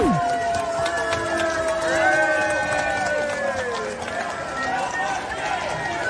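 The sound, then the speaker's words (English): A large crowd boos and chants outdoors at the royal family during the Trooping the Colour for the King's official birthday, yelling "not my king", many voices rising and falling together in a dense, continuous roar at a steady volume, with no single voice standing out. “You're trying to celebrate the official king's birthday with a trooping of the colours and there's a riot and people are booing you.”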